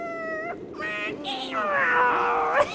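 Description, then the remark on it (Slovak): A voice imitates a cat's meow, several drawn-out, sliding mewing cries in quick succession, fairly loud, ending with a higher upward-bending wail. “Mňau! Rozmyslí! Mňau!”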